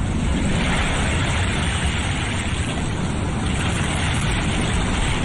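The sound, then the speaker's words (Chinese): A steady, hollow rushing roar like ocean surf, heard from a conch shell held to the ear. It is continuous and fairly loud with no breaks, and no voices. “妈妈说，把海螺放在耳边，就能听到大海的声音。”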